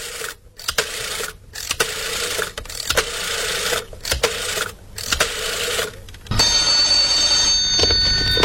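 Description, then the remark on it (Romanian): A telephone rings in repeated bursts separated by short silences as someone places a quick phone call, a steady electronic trill that gives way to a continuous tone near the end; no voices are heard. “Dau un telefon repede și pe urmă vă rog să mă ajutați să transport pianul.”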